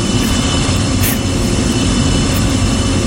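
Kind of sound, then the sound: vehicle, airplane taking off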